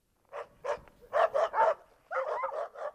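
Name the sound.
dogs barking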